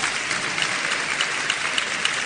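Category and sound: crowd, audience applauding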